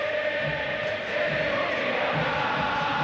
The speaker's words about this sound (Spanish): Ensordecedor el griterío.